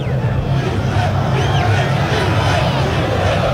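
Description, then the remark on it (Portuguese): About 2,000 Internacional fans chant "Inter" together at the Arena Corinthians stadium in a steady, roaring mass of voices, loud and continuous with no pauses, the words blurred into a dense, echoing wall of sound. “Esse é o grito. Inter, gritam os 2.000 colorados que estão aqui na Arena Corinthians, aplaudidos de pé pelos jogadores do Inter”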